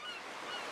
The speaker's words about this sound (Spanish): ¡Y el mar!